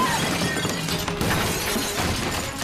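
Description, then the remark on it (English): The window glass of a house smashing loudly as an intruder breaks in, a dense crash followed by a steady spray of tinkling shards that keeps rattling and scattering for a couple of seconds. “He's just crashed the window.”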